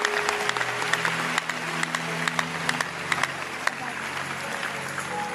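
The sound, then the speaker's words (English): An audience applauds the Lord steadily for several seconds during a church service, dense clapping with sharp individual claps popping out, while low sustained tones, likely an organ or keyboard, hum underneath. “Clap your hand. Puedes dar aplauso al Señor.”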